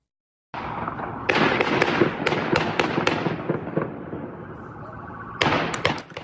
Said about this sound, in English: So you can hear what appear to be loud pops of what may be gunfire, and you see a man believed to be the suspect carrying a rifle there.